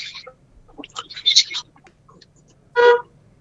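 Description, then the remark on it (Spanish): A single short, loud car horn honk near the end, brassy and steady, following a stretch of indistinct voices and murmuring sounds. “Bocinazo.”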